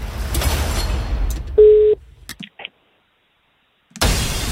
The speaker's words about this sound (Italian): Sì, secondo squillo.